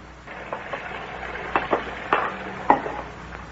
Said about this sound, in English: Oh, my. It's such a pleasure to do the dishes when somebody is drying them.